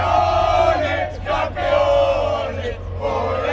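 A large crowd of Spanish football supporters shouts and roars continuously, celebrating Spain's championship victory, a dense wall of voices with a few louder surges and brief dips, plus a steady low hum underneath.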